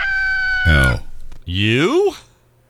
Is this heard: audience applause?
no